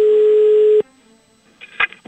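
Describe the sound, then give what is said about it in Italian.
A loud, steady dial tone hums for under a second and cuts off, then after a pause come a few short electronic beeps as a telephone number is dialed to call back, fifteen minutes after the previous call was ended. “dopo aver chiuso la telefonata, ha aspettato 15 minuti, dopodiché ha richiamato.”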